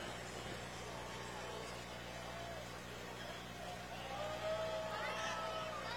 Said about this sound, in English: McCormick Farmall H tractor.